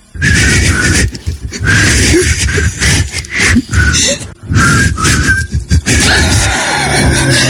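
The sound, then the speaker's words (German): Two people attempt to whistle a 90s pop song, producing mostly breathy, airy blowing with only a few thin pitched notes coming through, in uneven bursts over several seconds. “der kann sich entweder so anhören, zum Beispiel wenn … und … pfeifen”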